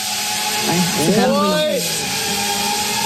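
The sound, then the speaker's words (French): A drone's steady, lawnmower-like motor buzz drones throughout, its pitch briefly wavering and sweeping up and down midway before settling back into a constant whine. “Et justement, il y a une vidéo où vous entendez, ça fait un petit peu le bruit d'une tondeuse, finalement.”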